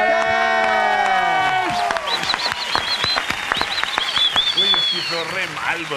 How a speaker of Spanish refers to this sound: darle la bienvenida y un aplauso, por favor, de parte de todos para …